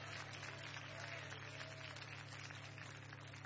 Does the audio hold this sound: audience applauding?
yes